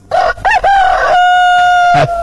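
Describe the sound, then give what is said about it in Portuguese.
A rooster crows once, loud: two quick rising notes, then a long, steady held cry that drops away sharply at the end, with no voices around it. It is the radio's Galo Chico crow marking the time, 6:05 in the morning. “É, o Galo Chico cantou atrasado, rapaz, 6 horas e 5 minutinhos.”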